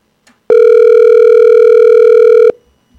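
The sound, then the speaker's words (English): A phone line rings out with one steady, loud ringback tone lasting about two seconds while callers try to reach a man by phone during a radio show, then cuts to near silence. No one speaks. “We're still trying to get hold of him. It's ringing.”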